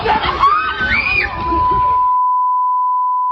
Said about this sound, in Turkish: Çığlıkların birbirine karıştığı kavga polis ve bekçilerin araya girmesiyle güçlükle sakinleştirildi.